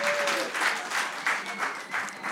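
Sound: audience applause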